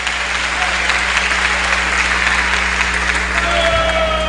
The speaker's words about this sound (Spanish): Den un aplauso a este Dios maravilloso.